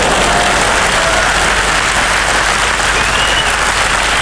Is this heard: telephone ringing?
no